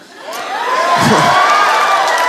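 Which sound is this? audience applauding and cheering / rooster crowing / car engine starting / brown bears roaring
audience applauding and cheering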